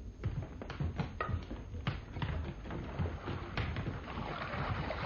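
A rowing boat moves through water, with oars dipping and splashing in a steady rhythm, wooden knocks and a continuous wash of water. No one speaks.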